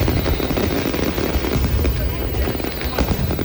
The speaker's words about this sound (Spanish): Y no nos olvidamos que la que acaba de pasar ha sido también en Oviedo, en San Mateo, la noche de los fuegos artificiales.